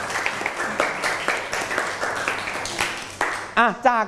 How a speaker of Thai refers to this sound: ปรบมือให้กับเพื่อนทั้งสองคนหน่อยครับ